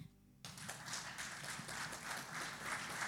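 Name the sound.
audience applauding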